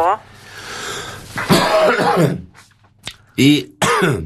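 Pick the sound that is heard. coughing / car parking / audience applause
coughing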